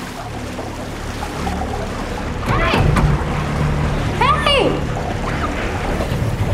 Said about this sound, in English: She looks down and notices that water is starting to fill a glass box that she is trapped in.